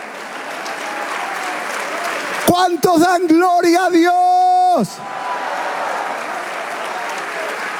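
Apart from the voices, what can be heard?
audience applause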